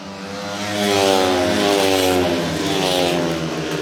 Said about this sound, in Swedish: Zerniak och Drabik leder för Lejonen in på tredje varvet. Lite följa John Speedway här. Zerniak i täten, två Dacke-förare längst bak.